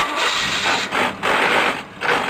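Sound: car engine with grinding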